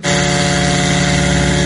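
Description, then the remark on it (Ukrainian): A loud, steady engine drone with a buzzing, harmonic-rich tone from a Ukrainian "Liutyi" attack drone's motor running continuously without pause, in an attack on Novorossiysk, with no voices. “Дрон «Лютий»”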